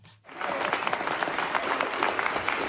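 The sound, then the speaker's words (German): Sudden applause breaks out from a sizable crowd in a hall of the Nuremberg Palace of Justice, at a conference of the International Academy Nuremberg, as news from Oslo of Navanethem Pillay's Nobel Peace Prize is announced; a dense, steady patter of many hands clapping after a brief moment of quiet, sustained and fairly loud throughout. “Als die Nachricht aus Oslo bekannt wird, brandet spontaner Applaus auf und dann sogar kurzer Jubel, als die neue Friedensnobelpreisträgerin den Saal im Nürnberger Justizpalast betritt.”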